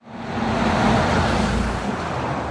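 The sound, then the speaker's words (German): A steady, loud roar of road traffic on the Eiberg state road between Kufstein and Schwoich, with deep engine rumble and tire hiss, vehicles streaming past without a break. No one speaks. “Es herrscht viel Verkehr auf der Eiberg-Landesstraße.”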